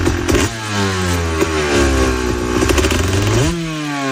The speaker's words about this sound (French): Ouais, une motocross, ça fait du bruit. Effectivement. Dans le jardin, ça fera du bruit. C'est pour ça qu'il y a des circuits.